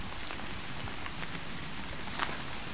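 Steady rain falls across open moorland, a continuous soft hiss with scattered sharper drop impacts, no voices, just the even wash of rainfall throughout.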